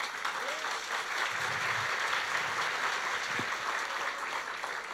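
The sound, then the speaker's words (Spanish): A crowd claps steadily for several seconds, a dense, even wash of applause with no pauses, at a fairly strong level throughout. “Demos los aplausos.”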